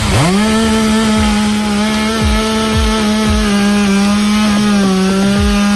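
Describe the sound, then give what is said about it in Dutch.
A fire brigade chainsaw runs at a steady high-pitched whine in Maastricht in the morning, cutting up trees blown onto the road by a storm, its engine droning continuously as it bites through wood, with occasional dips in pitch as the blade cuts. “Daar zijn ook meerdere bomen de weg opgewaaid. De brandweer heeft ze moeten weghalen met de kettingzaag.”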